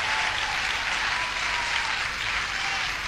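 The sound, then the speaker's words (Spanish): An audience applauds steadily, a dense wash of many hands clapping at an even level throughout, with no voices standing out. “Ahí tendrías que haber aplaudido y decir: gracias Dios, aleluya.”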